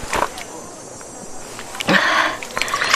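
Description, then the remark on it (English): Drinking water is poured in two short bursts, a brief splash and then a longer, steady trickle into a cup, set against quiet background ambience. “Here, have some water. It will refresh you.”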